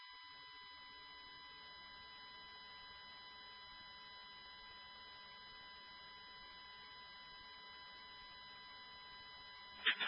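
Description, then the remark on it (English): A fire alarm sounds in a steady, unbroken electronic buzz for the whole stretch, fairly faint, with a brief louder bump of noise right at the end. “I don't like the fire alarm is just going off.”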